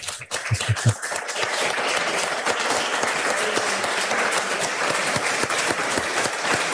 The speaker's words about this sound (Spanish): Y yo creo que bueno, yo voy a pedir un aplauso si me oís. Un aplauso para el cronista de Riosa, por favor.